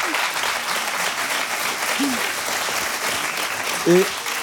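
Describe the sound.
Sustained audience applause fills the whole stretch, a dense even patter of many hands clapping, with a few brief voices rising through the noise near the end.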